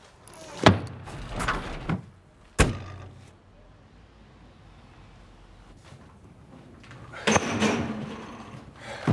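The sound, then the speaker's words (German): Doors slam shut twice as a coffin and a car are closed, with some shuffling and thumping in between. A low, quiet rumble follows as the car is parked in a barn, then a final burst of clattering movement. “Sarg zu, Auto zu und hinten in der Scheune parken.”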